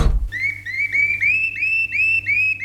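A caged shrike sings a quick series of bright, rising whistled notes, repeated steadily about eight times, loud over a faint low hum, with no one talking.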